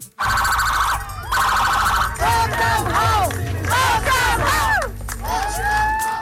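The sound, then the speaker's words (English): A large crowd cheers and shouts continuously at a surprise homecoming celebration in Stratford, PEI, while blaring horns and rising, falling siren wails sound loudly over the noise, sustained for about six seconds. “A surprise celebration in Stratford, PEI, where a big crowd turned out for an emotional homecoming.”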